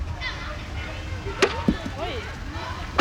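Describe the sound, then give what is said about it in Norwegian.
A crisp tap of a putter on a purple mini golf ball, followed by a few lighter knocks of the ball rolling and bumping without dropping into the hole, with faint voices murmuring in the background. “Du gikk litt mer for den litt slurvete slaget.”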